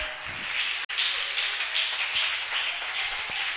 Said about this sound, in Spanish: Dele un aplauso a Dios en esta hora de la tarde.